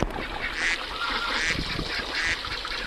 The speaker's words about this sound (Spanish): cuando fui a la Marquesa y vi patos de verdad, no patos de 8 bits, que me sorprendió mucho, y lo primero que recuerdo decir fue: puta, así no suenan los patos. O sea, mi primera experiencia como de niño de ciudad de un sonido de pato fue el Nintendo.